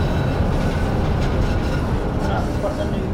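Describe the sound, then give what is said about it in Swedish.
A tram rolls steadily through a turning loop, a loud, continuous low rumble of wheels on rail with faint rattles and only slight squeaking, and no clear talking. “Han vill lyssna på hur det låter i vändslingan. Nu åker vi in i slingan här.”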